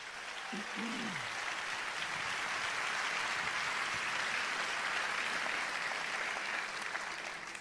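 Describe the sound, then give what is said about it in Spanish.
An audience applauds for Christ during a sermon, a dense, even wash of clapping that holds at the same moderate loudness for several seconds, with a brief vocal cry near the start. “Dar un aplauso a Cristo. Quiero oír ese aplauso.”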